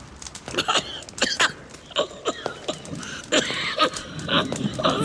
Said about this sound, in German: Oh, es ist ja heute so schlimm mit deinem Husten. Furchtbar.